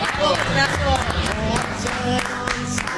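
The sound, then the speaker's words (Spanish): A large audience applauds in a steady, dense wash of clapping that stays loud for the whole stretch, with cheering voices and crowd noise mixed in. “No puedo ser propios estos aplausos, esta ovación, porque si hay algo que tuvo la selección argentina en los últimos minutos fue justamente la energía que llevó al equipo de Scaloni a dar vuelta este resultado.”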